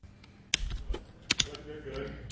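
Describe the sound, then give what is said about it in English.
Local students in a Rochester STEM class tap on computer keyboards while working on questions about artificial intelligence, a scattered run of crisp clicks at irregular intervals, with a low murmur of background room noise beneath. “Fingers tap across their keyboards as local students ponder complicated questions on artificial intelligence.”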